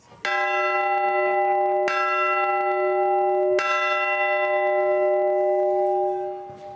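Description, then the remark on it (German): A church bell, being removed from its tower, is struck three times in farewell at a steady, unhurried pace, each loud, ringing strike overlapping the long resonant hum of the one before, with no voices. “Zum Abschied, weil die Glocke den Turm verlässt, schlägt man sie dreimal an.”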